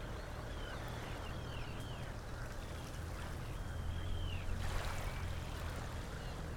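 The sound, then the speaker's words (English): A soft, steady rustle of breeze through birch leaves on a warm, slightly grey, windy afternoon in southeast Estonia, with heavy air before possible rain, swells briefly into a fuller gust partway through, over a low hum, with a few faint high bird chirps. “You may be able to hear a bit of a breeze in the birch trees here above me.”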